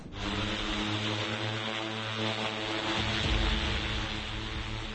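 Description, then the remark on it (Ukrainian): The propellers of a large Vampire heavy bomber drone, returning from a daytime mission delivering antennas and cables to a position, buzz loudly and steadily, a dense droning hum with layered tonal whine that holds for the whole stretch, swelling slightly toward the end. No voices. “Андрій і Олег щойно повернулися зі своїм вампіром із завдання.”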